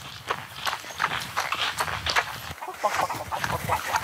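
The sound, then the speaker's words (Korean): Chickens cluck in a busy, continuous flurry of short, choppy calls at a corn field, mixed with scuffling footstep-like taps and faint background voices. “닭 있어요?”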